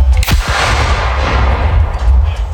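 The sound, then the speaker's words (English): A single loud cannon blast from a homemade cannon built out of different sizes of PVC pipe, a sharp crack with a deep booming low end, followed by a sustained rumbling, noisy roar that lingers for a couple of seconds. “You guys seen the other day, I was building out a cannon for a guy. This is it. Oh, okay, he built a cannon. Out of PVC pipe.”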